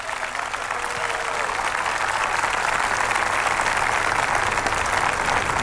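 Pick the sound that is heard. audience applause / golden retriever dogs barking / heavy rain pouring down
audience applause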